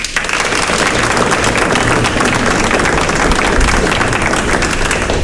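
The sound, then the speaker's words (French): An audience bursts into sustained applause after a speaker asks, by a show of applause, who knows him; dense overlapping claps at a steady, loud level throughout, with no voices standing out above it. “Par applaudissement, qui ça y connaît à moi?”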